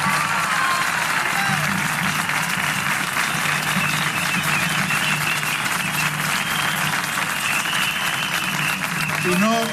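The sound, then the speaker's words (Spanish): A large audience applauds loudly and steadily for about ten seconds in recognition of the city council's services workers, a dense, continuous wash of clapping with a faint murmur of crowd noise underneath. “Así que yo pido un aplauso enorme para ellos por un reconocimiento.”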